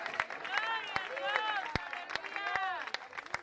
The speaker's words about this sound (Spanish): ¿Cuántos alaban al Señor en esta hora? ¡Que fuerte ese aplauso sea para Dios!